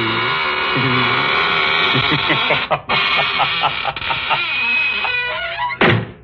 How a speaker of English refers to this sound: Well, now I guess it's really time to close that there squeaking door.